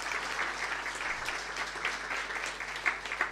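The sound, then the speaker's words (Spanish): A crowd at a hospital applauds the hospital's staff steadily, a dense wash of many hands clapping at an even level for a few seconds with no voices standing out. “Así que quiero un aplauso para todos nuestros funcionarios y funcionarias.”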